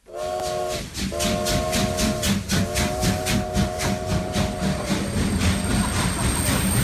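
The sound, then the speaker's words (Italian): A steam train arriving at a passenger platform at Gare de Lyon in 1906 hisses and rumbles steadily, with a sustained whistle sounding in several long blasts and a repeating chuffing rhythm underneath. No voices are heard. “È il 1906 e i fumi del treno vapore invadono la banchina dei passeggeri.”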